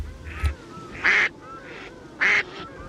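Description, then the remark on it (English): A grey duck (pārera) quacks twice in two loud, nasal calls spaced about a second apart, over faint background noise with a softer call or two in between. “Pārera. The Grey Duck.”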